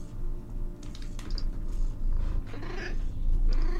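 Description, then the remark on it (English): A cat makes soft, low sounds, a steady rumbling purr with a brief faint chirp near the end, and nobody talking. “Aside from that, I thought this cat was going to give a PSA, but they're being shy.”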